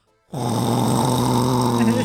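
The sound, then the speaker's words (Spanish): A voice imitates loud snoring, mimicking someone who fell asleep about five minutes into watching a pirated DVD of La Reina del Sur: a single sustained, rumbling snore starts abruptly after a brief silence and holds steady for about two seconds. “Pero unos ronquidazos que le digo”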